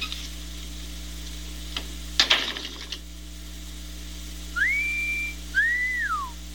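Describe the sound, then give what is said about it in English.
A person whistles two clear notes, the first rising and holding, the second arching up and sliding down, after a brief clattering rattle over a steady low hum. “You know how to whistle, don't you, Steve?”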